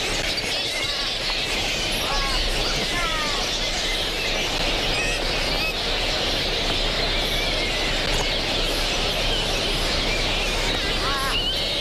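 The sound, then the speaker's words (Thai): A dense chorus of shrill squeaks and chattering calls from a large colony of flying foxes, the largest of all bats, overlapping constantly without pause, with individual screeches rising out of a steady, noisy din. “ค้างคาวแม่ไก่เป็นค้างคาวที่ใหญ่ที่สุดในบรรดาทั้งหมด”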